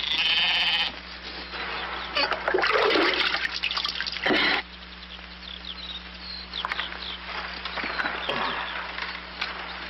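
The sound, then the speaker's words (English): Water splashes and gurgles as it runs into a glass, loud for a few seconds, then stops, leaving quieter clinks and room noise over a low steady hum. “I wonder if I could have a glass of water.”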